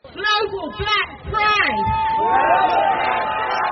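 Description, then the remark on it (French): Overlapping voices of a crowd of LGBTQI+ marchers with many rainbow flags chatter at the edge of a square in Paris's 18th arrondissement, several talking at once, building into a steady, dense babble as they prepare to set off toward Place de la République. “À la lisière du square, Léon, les marcheurs s'apprêtent à s'élancer vers la place de la République.”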